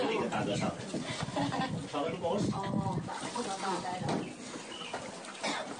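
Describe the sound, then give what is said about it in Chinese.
Busy ambience on a ferry crossing from the entrance of the Wuzhen scenic area to Xizha, China, with a steady wash of water noise, several people from across the country chatting, and birds chirping and calling on and off throughout. “在进西栅之前需要做一个渡船，以下的这几十秒声音就是从乌镇景区的门口到西栅的渡船上面的一段声响。”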